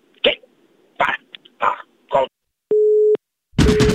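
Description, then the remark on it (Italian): Four short throaty bursts like coughs or hiccups, then a telephone busy tone after an old farmer hangs up the phone: a steady mid-pitched beep lasting under half a second, followed by a loud rush of noise with the tone faintly beneath. “Il vecchio contadino bastardo ha chiuso come sempre il telefono, ma non si molla la preda.”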